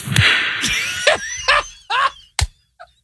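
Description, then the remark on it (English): A single sharp hand clap cracks out near the end during an interview, loud and crisp, following a run of shorter, rougher bursts and a busy hiss in the first second. “I want to hear the answer and the clap again.”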